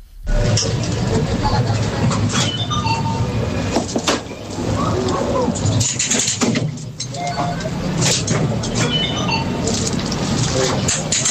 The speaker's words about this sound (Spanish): Yo diría que es una atracción. Una atracción en una feria, es algo así, sí, es una atracción en una feria,